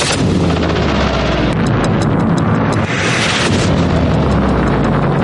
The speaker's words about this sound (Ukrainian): Безсмертного полку теж не було, бо росіяни та колаборанти на півострові налякані постійними вибухами.